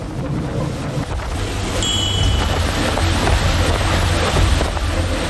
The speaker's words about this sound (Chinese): 就在执法艇逼近的刹那，目标快艇突然发力，毫无征兆的骤然加速猛窜出去。